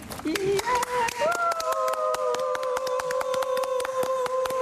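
Two people clap their hands steadily and quickly throughout, demonstrating concert applause. A long, rising, whistle-like tone holds over the applause for most of it.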